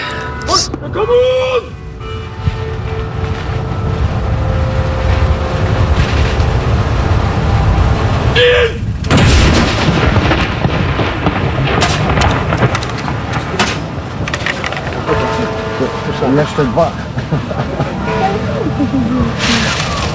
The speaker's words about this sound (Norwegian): Og så sett at de som skal avfyre skuddene har gjort seg klare. De står I stram givakt her på Akershus festning for å avfyre disse sørgesaluttene.